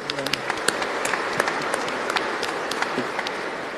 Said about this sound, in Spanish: Bueno, un aplauso para ellos.